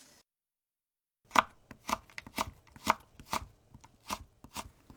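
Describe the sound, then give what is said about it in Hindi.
A knife chops steadily through carrots on a cutting board, cutting them into strips 3 centimetres long and 2 millimetres wide, about nine crisp knocks in an even rhythm after a moment of silence, with no voices. “गाजर को 3 सेंटीमीटर लंबी और 2 मिलीमीटर चौड़ी पट्टियों में काट लीजिए।”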